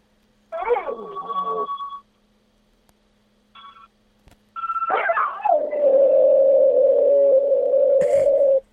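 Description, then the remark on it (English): A person imitates a dog with yelping, howling cries against wavering harmonica notes, then a long, steady harmonica drone fills the final seconds, loud. “Oh yeah, I do a good dog impression as well, but I need a harmonica to get me going.”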